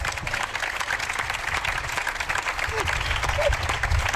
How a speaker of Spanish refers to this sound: Un aplauso para las tres.